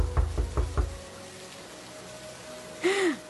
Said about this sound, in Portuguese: Quem será que está batendo a porta essa hora? Com essa chuva eu vou ter que abrir a porta.